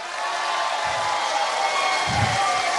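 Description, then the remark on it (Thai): A large crowd of Phleng Phuea Chiwit (songs for life) music fans cheers and applauds steadily at a concert, a dense wash of clapping and shouting that holds at a constant, fairly loud level throughout, responding to a call from the stage. “ผมเดินทางคนเดียวไม่ได้ถ้าไม่มีนะครับพี่ๆน้องๆของคนเพื่อชีวิตขอเสียงพี่น้องคนเพื่อชีวิตครับ”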